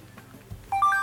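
A short electronic beep sequence from a power bank switched to sound mode: a few quick rising tones in succession, clear, following a faint handling sound, with no voices.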